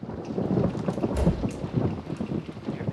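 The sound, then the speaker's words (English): A thunderstorm rumbles steadily outside Niles and Maris's living room, with lightning and low rolling thunder beneath a constant wash of heavy rain. No one speaks; the storm fills the whole stretch. “Lightning flashes outside the floor-to-ceiling windows in Niles and Maris's living room.”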